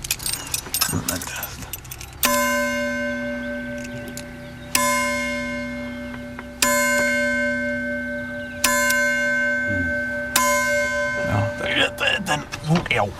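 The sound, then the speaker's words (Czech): A small bell, lifted slightly by hand so it can ring freely, is struck five times at uneven intervals, each strike ringing on with a clear, sustained metallic tone. Rustling handling noise and faint voices surround the strikes at the start and end. “Tenhle ten zvon pravděpodobně, takhle já si tady mám tomu klíče.”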